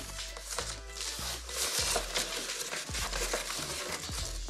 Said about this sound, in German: Nee, das geht gar nicht so knapp. Da reißt sich die Folie sofort ein.